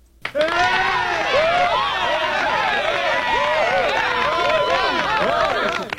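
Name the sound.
applause sound effect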